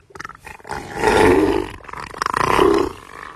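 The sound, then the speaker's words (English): Neil the Seal, a giant 1,000-kilogram seal on the Australian island of Tasmania, bellows twice in deep, throaty roars, the first swelling and holding for about a second, the second shorter, with grunting rumbles in between and no talking. “We begin on the Australian island of Tasmania, where a giant seal is bringing laughter and joy to millions of people.”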